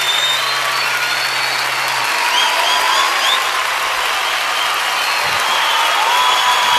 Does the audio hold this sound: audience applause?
yes